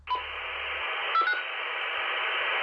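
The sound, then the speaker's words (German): A two-way radio call to the neighbours, made to check that everyone is all right: steady hiss of an open channel, broken by a short tone at the start and a quick double beep about a second later, with no voices. “Wir funken unsere Nachbarn über das Radio an, um zu hören, ob es allen gut geht.”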